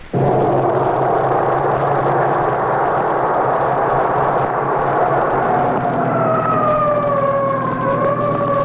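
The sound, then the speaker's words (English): A loud emergency vehicle siren wails over a steady engine roar on the way to an alarm at Pine Street, its tone sliding up and down as it keeps sounding without a break. “So why the siren?”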